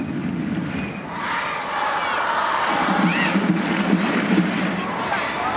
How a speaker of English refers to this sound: Crowd in Utah urging on their side as Suarez rolls it back to the center circle for Sams.